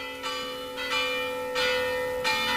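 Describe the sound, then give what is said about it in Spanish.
Church bells of the church of Santa María in Badalona ring out in a festive vigil peal that opens the town's main festival, several bright, overlapping strikes arriving at a steady pace about every three-quarters of a second, with long shimmering tones hanging between them. No voices. “Con este repique de campanas a la iglesia de Santa María va a comenzar ahí la festa mayor.”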